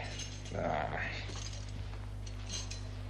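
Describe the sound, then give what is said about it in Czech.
A brief metallic jingle of keys rattles near the start as they are handed over, then fades into a low steady hum with faint voices in the background. “Tady máš ty zatracené klíče.”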